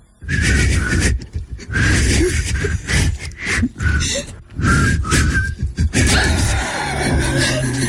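Two people whistle a tune up close, breathy and airy, in uneven bursts with short gaps for breath, the notes wobbling and mixed with a lot of blown air.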